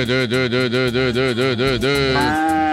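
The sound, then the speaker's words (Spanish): A loud cow moo holds for about two seconds with a rapid, pulsing waver, then shifts lower and trails off near the end. “Uf, esa vaca está en sus días.”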